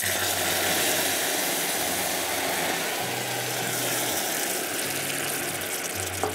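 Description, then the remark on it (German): Amber-coloured caramel deglazed with red wine hisses in a loud, steady wash of sizzling steam for several seconds, with a low droning hum running beneath it and no talking. “Jetzt lösche ich das ab. Vorsicht, das dampft sehr stark.”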